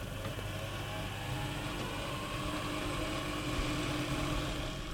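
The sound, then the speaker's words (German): A steady mechanical whirring hum from an instrument's start motor running up to speed, continuous, with a dense low rumble and no voices. “Es gibt auch zwei Schalter, einmal den Startmotor und einmal den Run-Motor quasi. Erstmal kommt die auf Touren.”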